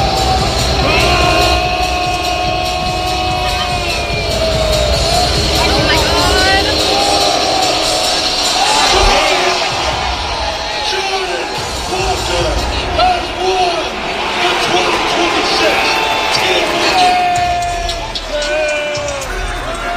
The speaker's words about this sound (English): That almost sounds like booing you'd get like at a production house. Like, hey, can you give me some audio? I just need generic crowd booing noises.